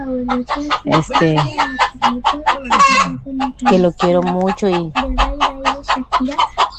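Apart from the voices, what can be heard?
hen clucking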